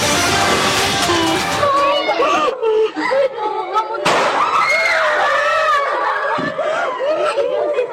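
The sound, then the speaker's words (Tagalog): Several sharp gunshots crack out in succession during a shooting by students at San Jose National High School in Tacloban City, Leyte, amid a chaotic crowd of students shrieking, crying and shouting, with the screams continuing loudly throughout. “Imbes na boses ng nagtuturo na guro, sunod-sunod na putok ng baril ang umalingaw-ngaw sa San Jose National High School sa Tacloban City sa Leyte.”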